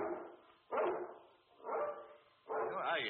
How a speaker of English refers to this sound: I can't understand why he barks so tonight. Perhaps, like his countrymen, he dislikes foreigners.